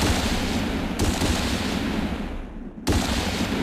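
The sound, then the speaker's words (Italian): Dense, crackling gunfire from a white man shooting at animals on the banks of a pond rattles on without pause, loud and harsh, with fresh sharp volleys bursting in about a second in and again near the end. No one speaks. “L'aria crepitava mentre l'uomo bianco sparava.”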